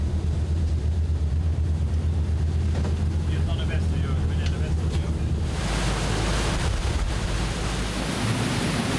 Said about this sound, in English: Our pilot is approaching it with the waves at our stern. That way the boat isn't tossed around the way it can be when the waves hit the bow.